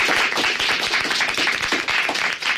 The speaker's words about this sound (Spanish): Pero antes, chicos, ¿por qué no damos un aplauso para saludar también a la audiencia de La Opinión en Radio Pontevedra y Radio Arosa?